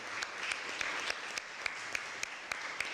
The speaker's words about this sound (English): Can I have all of you stand and prospective teachers, can give them a round of applause?